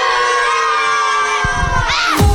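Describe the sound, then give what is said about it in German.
A group of schoolchildren cheers and shouts excitedly in a classroom in Munich, a loud, continuous burst of high-pitched voices that swells toward the end with whoops. “So klingt das schon die ganze Woche in den verschiedensten Klassenzimmern in München und der Region.”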